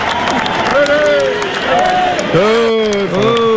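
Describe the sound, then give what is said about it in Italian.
Audio replayed on an RDS radio show: a crowd applauding steadily, dense clapping mixed with excited cheering and shouting voices throughout, with a few louder whoops rising above the noise. “C'era un grande entusiasmo, degli applausi per qualcuno e poi è successo qualcosa.”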